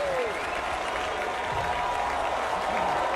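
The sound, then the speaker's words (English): A big baseball stadium crowd cheers and applauds for the batter on a dreary autumn night after a rain delay, in a dense, continuous roar that holds steady and fairly loud throughout, with no single voice standing out. “Here comes the crowd. They're behind Garcia.”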